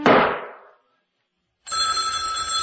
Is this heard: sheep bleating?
no